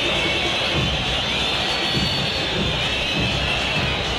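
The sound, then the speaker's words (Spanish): A large stadium crowd at River's Monumental, at the end of the first half of River versus Blooming at 0-0, fills the air with a steady, unbroken murmur. Scattered whistling is threaded through it at a constant level, with no cheering swells and no voice standing out. “Con algunos silbidos, con más silencio que reprobación por ahora.”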